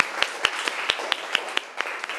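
classroom applause

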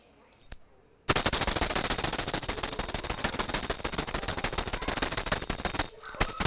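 thunder

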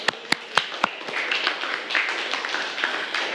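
classroom clapping

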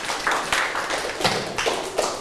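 hand clapping

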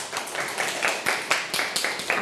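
classroom clapping

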